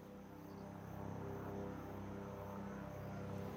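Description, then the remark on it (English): A steady, droning rotor-engine roar with a low hum, growing slightly louder as a helicopter arrives and holds, dropping off a group of emergency workers by a road over the Butikosi River, with no speech. “A helicopter is arriving.”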